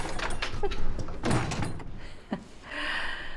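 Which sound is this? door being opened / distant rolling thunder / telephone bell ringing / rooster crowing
door being opened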